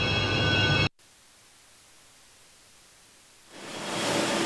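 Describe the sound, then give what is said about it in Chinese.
A Metro Line 3 train passes through the automatic train washer at the Antong Street depot for exterior cleaning: a loud, steady rush of spraying water cuts off abruptly, leaving a low hum, then the hissing spray swells back up. “那我前方的自动清洗机会对列车的外观呢进行一个无死角的清洗作业。”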